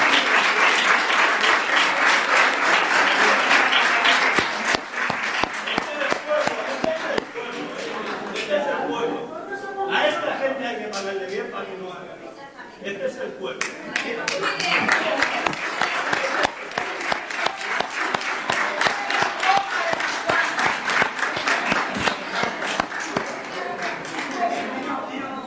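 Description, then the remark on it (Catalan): A crowd at a protest in Cubelles on a hot summer afternoon applauds the local police, who have also come to protest. The dense, rapid, steady clapping eases off midway, leaving scattered claps and murmuring voices, then swells again into sustained applause. “un día como hoy, una calurosa tarde de verano, y también aplaudir a la policía local que viene aquí hoy también a protestar para mejorar.”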